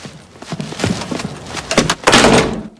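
A door clunks and rattles through a handful of uneven knocks and thuds as a woman leaves and her bag briefly gets caught in it, before closing with a louder, scraping bang near the end. No one speaks.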